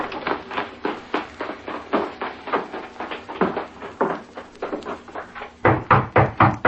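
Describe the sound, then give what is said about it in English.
Someone raps on a door in a long, steady run of sharp wooden knocks, several per second, ending in a louder, heavier burst of pounding. No voices are heard. “Who's there? Open the door, Lee.”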